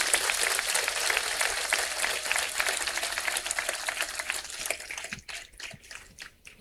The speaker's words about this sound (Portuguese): A ele, aos padres, a todos aqueles que eu citei, uma bonita salva de palmas de agradecimento.